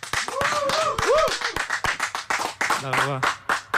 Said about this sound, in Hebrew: כפיים.